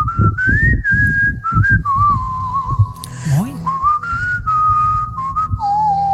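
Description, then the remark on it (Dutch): Someone whistles a continuous tune, the melody gliding smoothly between sustained notes for several seconds, with faint background sounds underneath. “Heeft hij nog een berichtje gestuurd en toen ging hij zelfs fluiten.”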